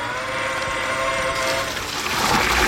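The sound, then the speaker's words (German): A watering robot, shaped like a large handcart and carrying water, at work in Fulda, giving off a steady mechanical whine with droning tonal hum, turning rougher and more hissing toward the end, with no voices. “ist ein Gießroboter. Also sieht aus wie so ein großer Bollerwagen, nur da ist eben kein Bier drin, sondern Wasser.”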